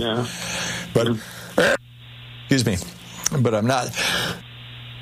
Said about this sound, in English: Pardon my sneezing here. Thank you. Bless you.